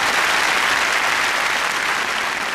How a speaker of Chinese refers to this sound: 借这个机会，今儿哎，咱来点掌声，让他给大伙展示一回，行不行？